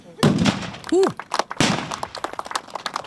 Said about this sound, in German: Applaus zwischen Pulver, Dampf und Donnerschall. Gut, 50 Kanonen haben am Wochenende für die entsprechende Lautstärke auf der Königspfalz in Tille da gesorgt.